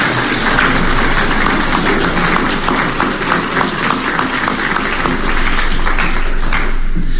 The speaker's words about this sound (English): Again, a round of applause for all these youth volunteer workers.